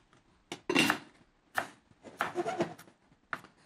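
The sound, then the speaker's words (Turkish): Knife chopping parsley on a board, several uneven taps and scrapes spaced across a few seconds, moderately loud, with no talking. “Şöyle bir de maydanozlarımızı doğrayalım.”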